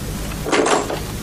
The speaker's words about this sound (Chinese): 你怎么知道是我？ 只有你才这么敲门，快出去。